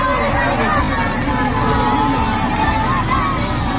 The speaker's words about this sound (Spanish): Bueno, así se celebraba ese gol, ¿eh?, en el Palacio de los Deportes.